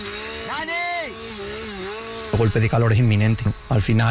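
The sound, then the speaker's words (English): A chainsaw used by firefighters fighting a fire whines and revs up and down for a couple of seconds, then louder voices talk over the continuing noise. “We beat the fire and used chainsaws.”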